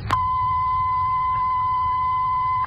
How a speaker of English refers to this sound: We shall play a steady tone in Studio A and then in Studio B. See if you can tell which is the live one. The steady tone in Studio A. The steady tone in Studio B.